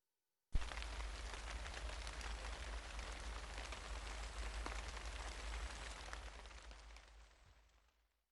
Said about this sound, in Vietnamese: Trong tiếng Nhật thì chúng ta có thể dùng từ parapara để chỉ một cơn mưa nhẹ. Chúng ta có thể nói ame ga parapara futte imasu.